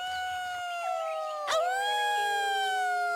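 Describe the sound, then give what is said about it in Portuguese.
A sustained, wavering howl with rich harmonics, the joyful cry of the warriors of the Wolf-Men tribe, rises and bends in pitch, loud, with a brief sharp burst midway and no talking over it. “Na verdade, não havia razões para o Cromlech ter medo daquele uivo.”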